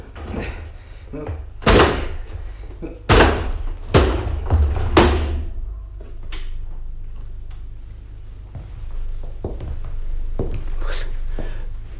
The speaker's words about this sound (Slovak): Zamknuté. Zamknuté. Znútra je zamknuté. No tak nemeškajme, vyvajme dvere.